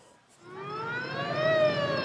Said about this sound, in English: Racing towards the city, one ambulance after another, 24 casualties within 24 hours to this hospital alone.